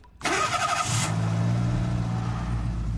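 A car engine cranks and catches abruptly, then settles into a loud, steady idle-to-revving rumble as the car pulls out of Mick and Mac's Chop Shop and Invention Lab into the catacombs beneath the KOOP studios, with no talking.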